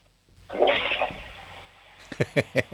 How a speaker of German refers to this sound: Dann lauf mal los und zeig mir deine Klospülung.